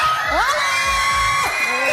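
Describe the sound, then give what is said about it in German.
A school class, being surprised on SRF Kids together with Ilko, shouts and cheers together, loud, with high rising whoops and yells overlapping in a continuous excited din for the whole two seconds. “Ja, was da so ein Geschrei ausgelöst hat, was da abgelaufen ist, das hörst du diese Stunde bei SRF Kids.”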